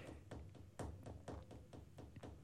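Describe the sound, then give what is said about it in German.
Fingers drum on a tabletop in a quick, uneven patter of soft knocks, about a dozen taps over a couple of seconds, fairly quiet with no voices. “Was machst du da? Mit den Fingern auf den Tisch klopfen, wieso?”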